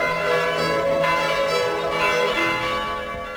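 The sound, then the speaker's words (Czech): Church bells ring together in a loud, continuous wash of overlapping tones and lingering hum, with no voices. The peal stays steady throughout and fades only slightly at the end. “Nasza zvona.”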